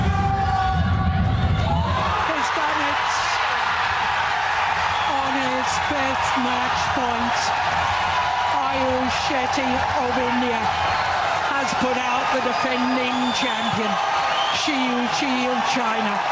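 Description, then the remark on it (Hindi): A large crowd at the Indira Gandhi International Stadium erupts into sustained cheering and shouting as 21-year-old Ayush scores match point against reigning world champion Shi Yuqi of China. The dense roar of voices, with scattered whoops and rhythmic chanting bursts, stays loud throughout. “आयुष का match point score करते ही Indira Gandhi international stadium में मानो जोश का एक विस्फोट हुआ।”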